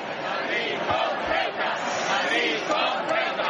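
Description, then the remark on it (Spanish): A large crowd chants in unison at a demonstration in the Plaza de Cibeles, Madrid, Spain: a dense, loud wall of many voices with rhythmic swells, shouting together continuously without pause. “De hecho, ahí el grito más repetido era este.”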